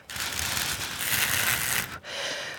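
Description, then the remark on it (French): Thin paper strips flutter and rustle as someone blows on them to mimic wind: a long, steady breathy hiss with a papery rattle, a brief pause, then a second shorter gust. “découvrir les languettes qui sont toutes fines pour faire le bruit du vent.”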